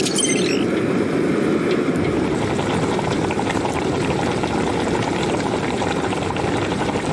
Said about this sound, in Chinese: 是要把肉焯个水是吧？ 哎，要把它煮熟，这是回锅肉。 啊，回锅肉先煮熟。 先煮熟，然后切薄片，然后炒。这是四川的名菜。